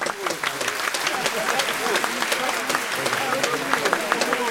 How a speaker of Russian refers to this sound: Овация продолжалась несколько минут